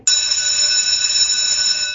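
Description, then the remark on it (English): A loud, continuous electric bell rings nonstop for about two seconds, a bright metallic clangor with sustained high harmonic tones and no pauses, like a school bell signaling recess. “Did you have like a recess bell or a recess tone?”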